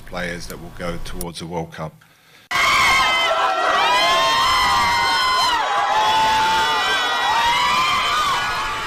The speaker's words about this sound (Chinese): 当地时间29号，波哥大的一家医院里欢呼声此起彼伏，包括哈梅斯·罗德里格斯、路易斯·迪亚斯在内的哥伦比亚国脚和教练们为正在接受治疗的孩子们送上签名、送上礼物、送去祝福。